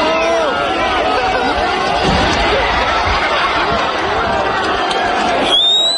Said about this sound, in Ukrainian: Під десятки піднятих вгору камер і схвальні вигуки молодик стрибає на даху авто групи оповіщення ТЦК.